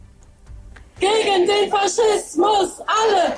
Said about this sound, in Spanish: Al grito de todos juntos contra el fascismo, la protesta pretende, según los organizadores, defender la democracia y exigir una respuesta frente al partido Alternativa por Alemania, calificado de derecha radical por los servicios secretos del país.